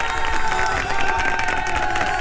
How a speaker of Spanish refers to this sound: Bien, es una tradición ya y no queremos que se pierda, así que para ustedes, chicos, un fuerte aplauso.